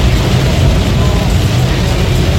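Loud, steady roar of heavy rain hitting a moving car, a dense hiss layered over a deep engine and road rumble that holds constant throughout.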